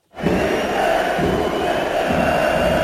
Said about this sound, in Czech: Už při rozcvičce se spustil na Matěje Juráska z kotle pokřik, který pokračoval vulgárními výrazy. A když nová posila Sparty nastupovala zhruba čtvrt hodiny před koncem, ozývalo se z kotle, stejně jako při každém Juráskově dotyku s míčem.